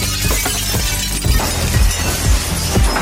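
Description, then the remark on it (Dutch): Glass shatters loudly and keeps breaking, with a scatter of sharp crashes and tinkling shards falling in bursts across a few seconds, full, with no voices. “Het is ingestort.”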